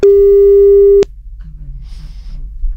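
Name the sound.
telephone beep tone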